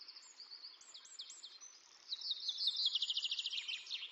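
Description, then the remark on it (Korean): A flock of Eurasian siskins in a Spanish fir forest, where they come to eat fir seeds, calls in a busy overlapping chorus of high, thin twitters and chirps, with a brighter rapid trill of repeated notes in the second half. “종종 솔자새와 함께 이곳을 찾는 검은머리 방울새도 전나무 씨앗 먹는 법을 잘 압니다.”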